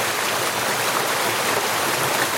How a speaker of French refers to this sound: Il y a un joli petit débit, alors pas du tout, on n'est pas dans une situation de lave torrentielle, mais j'essaie de vous faire écouter les petits cailloux qui tombent sur les plus gros.